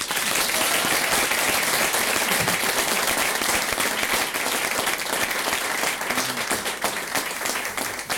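A crowd applauds steadily for several seconds, a dense, loud wash of many hands clapping at once with no break, plus a faint voice or two briefly audible beneath it near the end.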